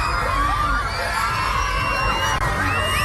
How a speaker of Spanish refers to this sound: Son los gritos de los niños de un colegio que han sentido el fuerte temblor, un seísmo que ha tenido ya una réplica de intensidad de 6,1 y que ha hecho que las autoridades emitan una alerta por tsunami en la costa filipina y en el sureste de Japón.